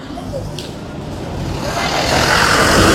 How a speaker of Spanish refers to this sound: Estamos en la intersección con la avenida 24 de Mayo para por este segundo día ya consecutivo. Estamos presentes para visualizar el funcionamiento y la distribución del tráfico vehicular que se genera aquí en esta mañana.